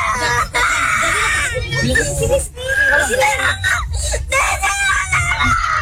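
A young girl cries and screams loudly, her high wails running almost nonstop with a few brief breaks for breath.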